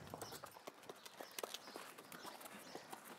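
Light hoofbeats from a foal being led at a steady walk, a quick run of soft clip-clop steps with faint background ambience.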